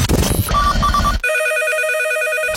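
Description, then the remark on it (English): A telephone rings with a steady, warbling electronic tone that carries on for over a second, preceded by a brief burst of noisy, cluttered sound. No one answers and no voices are heard. “I don't know why you're not picking up your phone.”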